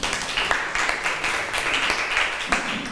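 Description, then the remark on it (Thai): A class of students clapping for a classmate who answered the teacher's question, a steady dense patter of many hands that stays loud and even throughout, with no voices standing out. “เก่งมากเลยปรบมือให้เพื่อนค่ะ”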